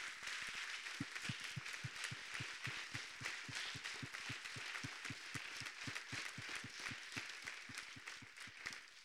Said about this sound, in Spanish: Shalom. Dele un fuerte aplauso a Dios con todo el corazón.